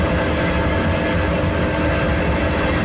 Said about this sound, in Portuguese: Este o son dos helicópteros chegando ao lume forestal que dende as 3 desta tarde se rexistra no concello coruñés de Porto do Son e que afecta unha ampla zona da Serra do Barbanza